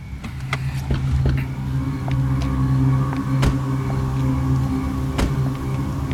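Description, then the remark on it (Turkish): The groom's car engine rumbles with a steady, low hum that holds even in volume, broken by a few sharp clicks and knocks. No one speaks. “Damadın arabası değil mi bu?”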